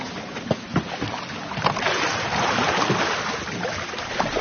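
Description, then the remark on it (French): A flat boat being poled along a river, its pole about 3 to 4 metres long touching the river bottom and pushing; steady water sloshing and a few sharp splashes and knocks as the pole strikes and pushes. No voices. “C'est avec ça qu'on navigue le bateau, qu'on se déplace, on touche le fond de la rivière et on pousse.”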